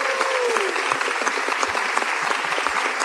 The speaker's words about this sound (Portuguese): É espontâneo. Calma, calma, gente. E continua aplaudindo. É isso aí.